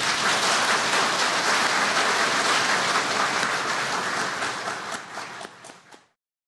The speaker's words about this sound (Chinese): 我们现在鼓掌。